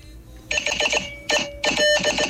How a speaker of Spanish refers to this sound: Código Morse.